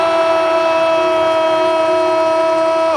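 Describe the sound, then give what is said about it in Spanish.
A loud, steady basketball arena buzzer horn blares continuously for about three seconds, a single sustained electronic-sounding tone that cuts off abruptly at the end, with no voices, sounding as Dominic Mabra hits a three-point shot at the buzzer. “La bocina triple de Dominic Mabra.”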